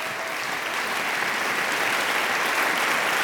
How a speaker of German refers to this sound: Meine Damen und Herren, einen großen Applaus für all unsere diesjährigen Preisträger.